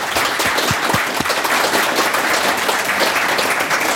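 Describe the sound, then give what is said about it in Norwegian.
A crowd at a Viking Age festival bursts into sustained applause for the museum staff, a dense, steady roar of many hands clapping at even loudness throughout, with no voices standing out. “Alle ansatte I museet, gi dem en stor applaus.”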